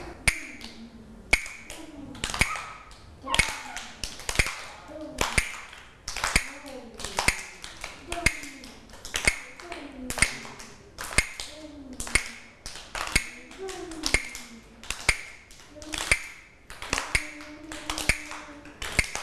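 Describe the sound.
A hand-held wooden clapper (krap), used by a teacher as a rhythm instrument for children, strikes sharp, bright clacks at a slow, steady pace of about one per second, clear, while a woman talks softly between the hits.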